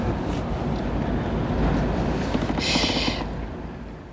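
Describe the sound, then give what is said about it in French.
A deep, steady rumble of large four-deck passenger ferry engines on open water, with wind noise on the microphone and a short burst of rushing, hissing spray partway through. No one speaks. “Il y a des gros bateaux de transport à passagers en face, des gros machins.”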